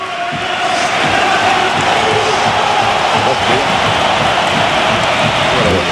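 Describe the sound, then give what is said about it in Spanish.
A stadium crowd gives a sustained, loud ovation for substitute Isco Alarcón as he comes on, a dense wall of applause and cheering that holds steady for the whole stretch with no pauses. “Y vamos a escuchar la ovación a Isco Alarcón.”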